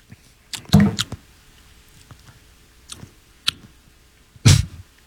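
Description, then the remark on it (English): Wet lip smacking from someone tasting an IPA beer: a loud cluster of smacks early on, two lighter clicks in the middle, then another strong smack near the end, with no talking. “Sound of smacking lips, on the radio?”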